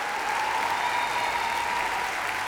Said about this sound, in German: Das war This is the Greatest Show 2026. Ein großer Applaus für unsere Band unter der Leitung von ….